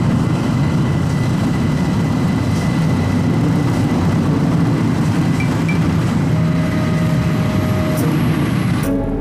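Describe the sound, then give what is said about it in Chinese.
A loud, steady roar of a jet engine as an airplane powers up, about to take off, a deep continuous rumble with a faint high whine that holds evenly throughout, with no voices. “飞机马上就要起飞了，快上来吧。”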